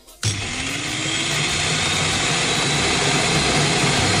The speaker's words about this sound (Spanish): Que parece que la picadora que he comprado esta mañana es un Boeing 747. Es un poco bueno. Así, es una como muy grave. Sí, ya. Tiene que subir unos cuantos tonos.